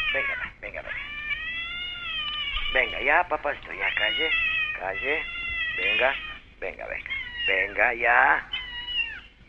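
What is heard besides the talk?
cat meowing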